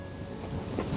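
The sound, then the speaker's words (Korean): Ocean waves of the sea off Uljin, below the Mangyangjeong pavilion, washing ashore, a steady hissing rush that swells into a brief surge toward the end, with no voices. “파도 소리가 철썩철썩.”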